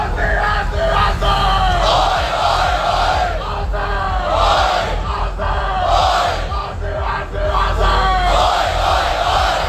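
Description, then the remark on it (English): A large crowd at a packed live screening in Garema Place, Canberra, of the Socceroos' World Cup match against Paraguay roars and chants in steady, loud waves for the whole stretch, with overlapping yells and shouted cheers rising and falling over a dense wall of noise. “Garema Place in the city has been absolutely packed for today's live screening of the Socceroos World Cup clash against Paraguay, and it's been a vocal crowd to say the least.”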